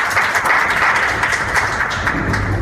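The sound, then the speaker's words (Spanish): An audience at a youth municipal council event in Encarnación applauds as the youth council president is called forward. It is a steady, dense, loud wash of many hands clapping at once that holds an even level throughout, with no voices rising above it. “Los aplausos, por favor, también.”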